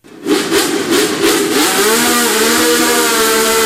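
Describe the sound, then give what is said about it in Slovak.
A loud, high-revving 1960s Formula 1 racing car engine, of the era when Italian Ludovico Scarfiotti won the Grand Prix at Monza, screams past, its pitch climbing through gear changes before settling into a sustained, buzzing wail. No voices are heard. “Takto zneli motory vo Formule 1, keď naposledy vyhral Talian Ludovico Scarfiotti veľkú cenu na Monze.”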